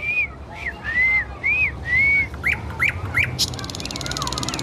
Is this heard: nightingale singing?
yes